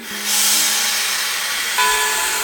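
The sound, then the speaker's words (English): A westbound train rolls along transcontinental rail lines with a loud, steady hissing rush. A low hum sounds at the start and a faint tone enters near the end. No one speaks. “Lottie then boarded a westbound train that would take her over the recently completed transcontinental rail lines to the West Coast”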